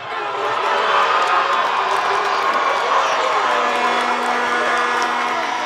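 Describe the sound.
A large stadium crowd of Team Spain fans erupts in a sustained roar of cheering in extra time of a scoreless game, loud and dense throughout, with shouting voices blending into a continuous wall of noise and a faint steady tone underneath.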